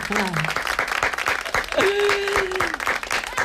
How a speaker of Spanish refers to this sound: Ya nos han puesto aplausos.